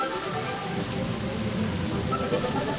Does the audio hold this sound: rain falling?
yes